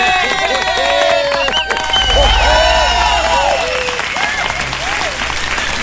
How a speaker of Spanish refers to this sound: Y si le gustó, aplauden, pues, ¿ah?